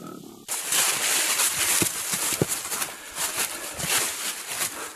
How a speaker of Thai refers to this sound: ฝูงหมูป่ากำลังใช้จมูกขุดคุ้ยดินเพื่อหาอาหาร